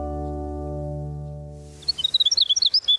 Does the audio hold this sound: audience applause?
no